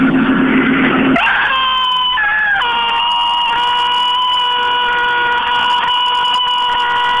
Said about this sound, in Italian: Ecco, finalmente avete sentito questo urlo di demonio. Incredibile. È uscito fuori dal suo corpo e adesso si è liberato.